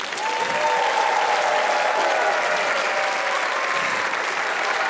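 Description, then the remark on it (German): A large audience applauds steadily and loudly for several seconds at the end of the show, a dense wash of clapping with faint cheering tones in the background. “Der Applaus ist für euch.”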